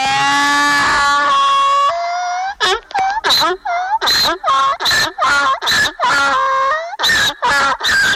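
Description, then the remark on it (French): A donkey brays loudly, a long rising wheeze that breaks into a rapid series of harsh, rhythmic hee-haw pulses lasting several seconds, with no voices. “L'âne qui, dans cette fable, servira de trompette pour effrayer les gens.”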